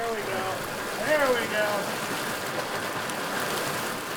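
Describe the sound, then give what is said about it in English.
Steady rushing and splashing of water in Ferry Creek in Bandon as tribal fisheries workers wade through it, stretching a seine net across the water and pushing hundreds of finger-sized smolts downstream, with faint voices briefly audible in the background. “Tribal fisheries workers wade into the creek and stretch a seine net across the water, pushing hundreds of finger-sized smolts downstream.”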